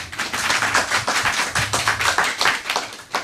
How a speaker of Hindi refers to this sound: तो बच्चों, जोरदार तालियां